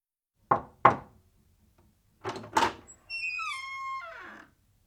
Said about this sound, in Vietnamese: Ví dụ, đây là tiếng gõ cửa khi bạn vào phòng.